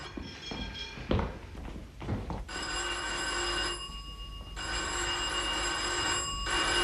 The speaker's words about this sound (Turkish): Aa, yeter oğlum, sürekli çalmaz zili. İçeride değil demek.